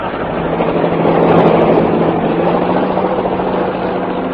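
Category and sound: vehicle, helicopter flying overhead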